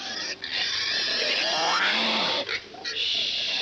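A sweet little pig squeals and grunts continuously in loud, harsh, high-pitched bursts, with a few brief breaks between cries.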